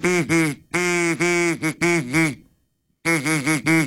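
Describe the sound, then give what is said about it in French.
A duck call blown in rapid bursts of nasal, buzzy quacks, loud, with a brief silent pause before another run of quacking. “Un appôt à canard, qu'on dit.”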